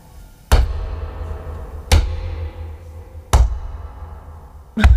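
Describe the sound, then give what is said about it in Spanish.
Someone hopping on one leg: four heavy, booming thuds land at a steady, unhurried pace, each impact deep and thumping with a short rumbling decay and quiet in between. “¿Pero vas a la pata coja o algo? ¿Para hacer ese ruido?”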